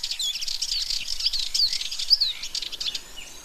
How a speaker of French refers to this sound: Là, c'est la fauvette.